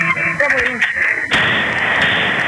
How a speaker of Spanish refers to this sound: Los tiradores son dos jóvenes que dispararon con pistolas, una de ellas con un cargador extensible y en modalidad de ráfaga. El hecho ocurrió en Achar y Carlos A. López, en el barrio Manga, el pasado 17 de abril.